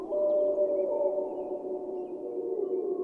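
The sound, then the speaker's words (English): A wolf in Yellowstone howls in one long, sustained, mournful tone that holds steady for several seconds, fairly loud and clear with no other sounds around it. “And that's the wolf.”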